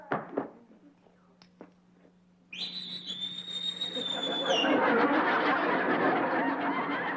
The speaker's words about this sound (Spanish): ¿A quién le chiflaste? ¡Ay, ay! ¡A la paya que marcó mal!